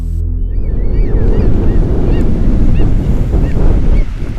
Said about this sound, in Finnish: jatkaa kohtalaisen tuulisesta yyteristä.